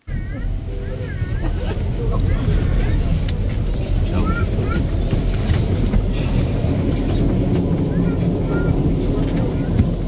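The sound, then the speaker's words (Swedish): Steady, dense rumble of subway ambience during a subway busker's performance of an avant-garde piece, with a small child's faint, high voice calling out somewhere far off and indistinct murmurs in the background. “Det enda jag hör är ett litet barn. Någonstans i fjärran.”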